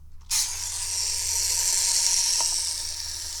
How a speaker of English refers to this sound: Now, the question is, can I wind it up with one hand? This boat has a little wind-up outboard motor. Put it in the water.